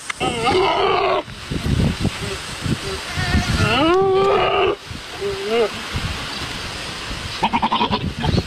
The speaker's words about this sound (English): It's a goat. Oh, it's a goat.